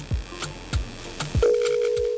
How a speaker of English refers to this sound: Okay, so we can hear the phone ringing.